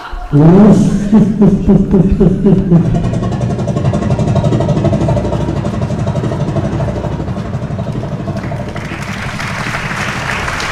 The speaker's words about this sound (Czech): Tak jsem sešteloval to magneto a zkusíme to znovu. Pánové, připravte se! Motor! Start!